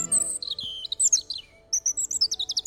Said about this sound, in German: Sehr hochtöniges Gezwitscher. Das wäre ein Rotkehlchen.